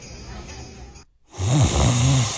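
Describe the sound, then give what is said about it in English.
A person snores: a soft breathy inhale, a brief pause, then a loud, rumbling, drawn-out snore with a throaty vibrating tone. No one speaks. “At Mattress Firm, we understand there are many problems that can keep you up at night, like snoring, aches and pains, or sleeping hot.”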